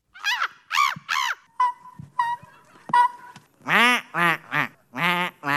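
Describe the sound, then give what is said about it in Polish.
A person imitates bird calls at the Polish Championship in bird-call imitation, held in front of the Palace of Culture in Warsaw: a run of loud, nasal quacking and honking cries, broken by a few thinner, whistly notes midway, with short pauses between calls and no talking. “Wielkim zainteresowaniem cieszyły się Mistrzostwa Polski w naśladowaniu ptaków, bo tak, to było naśladowanie.”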